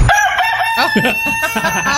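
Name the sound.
rooster crowing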